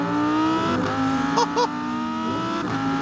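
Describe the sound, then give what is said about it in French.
A naturally aspirated, mid-rear-mounted V10 engine making 610 horsepower and 565 Nm of torque, with a very short exhaust, revs loudly, its howling tone rising and falling, with two quick sharp blips of throttle near the middle and no one speaking. “V10 atmosphérique, 610 chevaux, 565 Nm de couple.”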